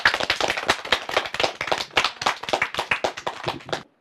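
A group of students claps in thanks to a teacher who guards the Huangshan Welcoming Guest Pine, a dense burst of sharp, overlapping hand claps that keeps up steadily for about four seconds before stopping abruptly. There is no talking.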